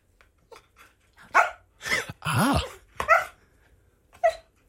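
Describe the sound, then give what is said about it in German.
A TV dog vocalizes in a series of short bursts, mixing yelpy barks with a drawn-out whining whimper, moderately loud, with brief pauses between sounds and no talking. “wenn Bandit sprechen könnte, was würde er über sein Leben als TV-Hund erzählen?”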